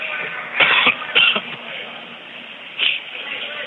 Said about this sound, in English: I don't know why I'm coughing so much these days.